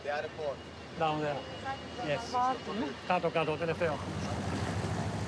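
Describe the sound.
People talk over a steady wash of harbour noise: boat engines, lapping water and wind rumble, as two boats pull away from the quay.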